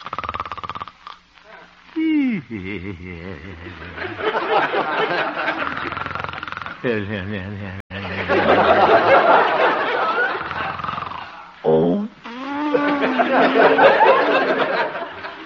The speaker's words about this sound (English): Looking into the little house on 8th Avenue, we find the town's most popular radio figure, Honest Harold the Homemaker, gently snoring and evidently having a very pleasant dream.